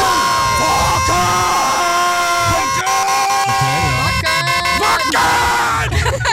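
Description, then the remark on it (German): A loud crowd chants and yells "Wacken!" together in a rhythmic, rising chorus, sustained over several seconds with sharp accented bursts: the first official Wackenwecker 2026 wake-up jingle. “hier kommt das Ergebnis, der erste offizielle Wackenwecker 2026. Wacken!”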